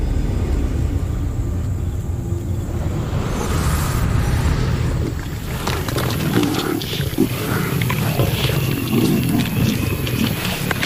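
A lion roars in deep, rumbling growls that stay steady and loud throughout, with a continuous low throb under scattered higher crackles and no voices.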